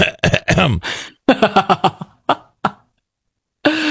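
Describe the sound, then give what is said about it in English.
A person in a bathroom voices a string of short, deliberate coughs and throat-clearing sounds to signal that it is occupied, loud, in uneven bursts with brief pauses, then one last cough after a silence. “Or you hear somebody wiggle the doorknob and you go.”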